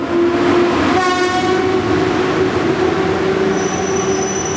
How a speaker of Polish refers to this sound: Jechał, jechał i dojechał pociąg nieśpieszny. Zaczął swoją podróż po godzinie 8 na stacji Warszawa Wschodnia, a potem pojechał przez Białystok, Ełk, Giżycko, Olsztyn, Iławę, Toruń, Bydgoszcz, Malbork i Działdowo